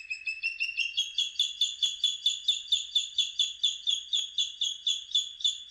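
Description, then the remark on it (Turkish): A bird calls alone in a long, steady series of high, ringing notes, about three or four per second, each slightly sliding, repeated evenly with no voices. “Bu programda kullandığımız kuş seslerinden Küçük Kartalı, Amir Mahdi, Keyha, İran'da.”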